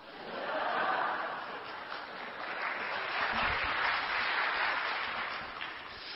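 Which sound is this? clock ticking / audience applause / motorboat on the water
audience applause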